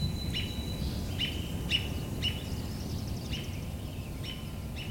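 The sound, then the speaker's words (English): A robin gives a steady series of short, high, clear call notes, repeated about every half second over low outdoor rumble. “And the robin making call notes. Doot, doot, doot, doot.”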